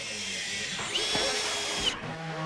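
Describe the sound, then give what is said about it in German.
A power drill whirs steadily at a building site on a meadow in Mölln, Schleswig-Holstein, where eighth-graders of the Gemeinschaftsschule Mölln build a 21-square-metre tiny house as a mobile classroom. Its pitch rises as it bites in and then eases off, with faint building-site activity and voices in the background. “hat die Jugendlichen auf der Baustelle besucht”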